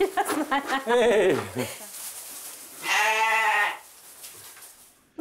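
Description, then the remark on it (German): A bottle-raised lamb named Bernadette bleats in quavering, wavering cries, then lets out a longer, louder, steady bleat after a brief pause, with faint background noise trailing off. “Die Pfleger mussten das kleine USA-Schaf wochenlang mit der Flasche großziehen.”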